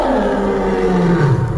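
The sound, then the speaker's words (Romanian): A lion lets out a loud, sustained roar that fills the whole short moment, rumbling and gravelly, dropping slightly in pitch toward the end, with no voices alongside it. “Mamica a intrat în cușca leului. Treaba lui, e leu, să se descurce cum poate.”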